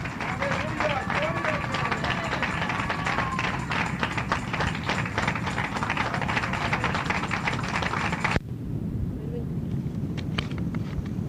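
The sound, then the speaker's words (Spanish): A church audience applauds the Lord in a dense, steady wash of clapping for about eight seconds, with voices mixed in, then the clapping cuts off abruptly, leaving quieter scattered sounds. “¡Otro aplauso a nuestro Rey, hermanos!”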